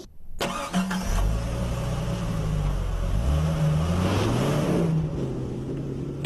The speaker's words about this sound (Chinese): 待会儿呢，我开着这辆车会以每小时30公里的速度往前开过去，我在见到这个塑料模型的第一时间就会急踩刹车，试验的目的要看一看能不能够在到达那个塑料模型的所在位置之前，我的车就停下来。